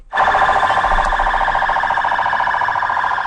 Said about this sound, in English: Sirens blaring on a military and police convoy in Baghdad. Iraqi forces parading in the streets to mark the end of the U.S.-led mission in the country.